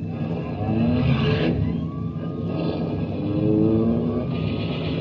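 A getaway car engine revs and accelerates loudly while a police prowl car siren wails and rises in pitch, the police chasing right behind.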